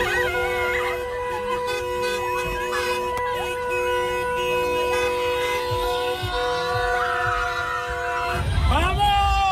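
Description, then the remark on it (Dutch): Several horns blare at once in long, overlapping sustained tones from a crowd of Spaniards celebrating Spain's world title at a roundabout in Enschede, loud and continuous, with shouting and background commotion underneath and a burst of noise near the end. “Op een rotonde in Enschede kwamen Spanjaarden samen met toeters, fakkels en vuurwerk.”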